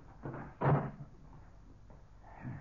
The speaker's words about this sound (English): Now, I'll close this door.